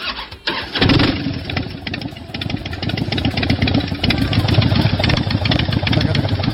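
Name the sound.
harley-Davidson motorcycle engine idling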